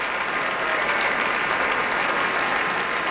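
A large audience at Tanglewood's Kuzovitsky Music Shed claps and cheers for the Boston Symphony Orchestra's horn section, led by Richard Sebring, in a steady, dense roar of applause that holds at an even, loud level throughout, with no music or speech.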